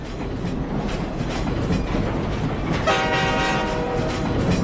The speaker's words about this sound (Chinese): 2016年6月12日，绿皮车晃了56小时，方便面配火腿肠，胃里翻江倒海。